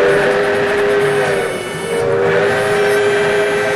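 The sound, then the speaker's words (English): The Skunk Train, which departs from Willits, rolls along the rails while its whistle sounds a loud, sustained multi-tone blast, easing slightly midway before swelling again over the steady rumble. No one speaks. “Enjoy an adventure aboard the Skunk Train to a circus you can only reach by rail.”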